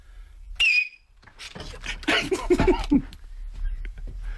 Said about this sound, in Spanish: Es de ultrasonido casi, ¿eh? Sí, está el pitidito, ¿eh? Es muy salvaje.